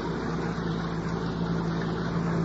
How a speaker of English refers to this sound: Huh? Well, that is a car, isn't it? Yeah. If it was on the main highway, we couldn't see it, could we? No. No, it's headed for here, all right.